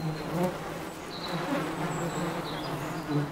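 A dense, steady hum of a honeybee colony of about 50,000 workers buzzing inside a too-small great spotted woodpecker hole in an oak woodland, a low droning drone with overlapping wingbeat tones and faint higher whines drifting through, continuous and moderately loud with no speech.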